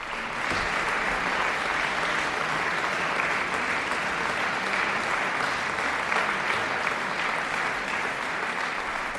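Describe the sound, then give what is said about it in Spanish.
Steady, dense applause from a concert audience in the Sala Rossini, Bad Kissingen, at the Kissinger Sommer festival, after the last work of a concert by Julia Fischer and Juliana Avdeeva. Many hands clap in a continuous crackling wash that stays at an even, fairly loud level for the whole stretch, with no voices standing out. “Y a estos aplausos del público, las intérpretes respondían con un bis, Mélodie, la última de las tres piezas que componen Souvenir d'un lieu cher o Recuerdo de un lugar querido, el opus 42 de Tchaïkovski.”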